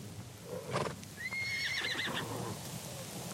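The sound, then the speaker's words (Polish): A horse lets out a loud, shrill whinny, preceded by a few thudding hoof sounds as the animals start moving, with no voices present. “Sznur. Konie ruszają.”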